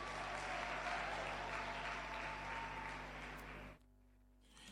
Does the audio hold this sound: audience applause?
yes